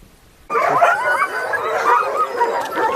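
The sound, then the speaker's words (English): After a half-second of quiet, a pack of sled dogs in training in Alaska on a raw, rainy September morning erupts into a loud, continuous chorus of overlapping high-pitched barks, yips and whines that keeps going without a pause. “There's evidence of sled dogs that dates back 8,000 years.”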